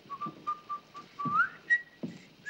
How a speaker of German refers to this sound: Ja, ach gut, pfeif ich mal eins.